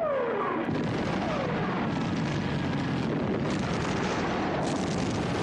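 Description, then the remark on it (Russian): Aerial bombs dropped by bomber planes onto a farmstead and trenches whistle downward in pitch, then give way to a dense, continuous roar of explosions and rumbling blasts that stays loud throughout, with no voices. “Самолеты сбрасывают бомбы на хутор и окопы.”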